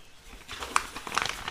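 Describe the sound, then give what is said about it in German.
A paper envelope is torn open, a short burst of crisp rustling and ripping with a couple of sharper snaps, quiet overall and with no voices. “Er ist offen.”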